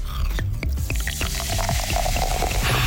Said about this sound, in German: Wonach klingt der Sommer denn für Sie? Vielleicht nach einem kühlen Getränk, das man sich einschenkt?